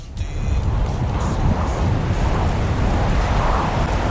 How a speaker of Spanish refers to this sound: Este sonido de las olas es porque es de Almería, por supuesto,